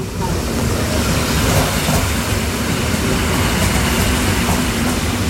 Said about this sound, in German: So, die S-Bahn fährt jetzt gerade ein, ja?